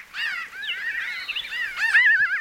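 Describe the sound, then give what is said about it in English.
A flock of pinyon jays calls continuously, group contact calls of overlapping nasal, slightly laughing caws rising and falling, moderately loud, with no voices present. “They have a huge range of vocalizations, but one of the common kind of contact calls that they make in a group is this caw or this raca that kind of sounds like laughter.”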